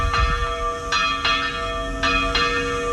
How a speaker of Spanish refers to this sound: Las campanas y sirenas volverán a sonar hoy en Ochandio, en el 90 aniversario del ataque aéreo en el que fallecieron 61 personas, en su mayoría mujeres y niños.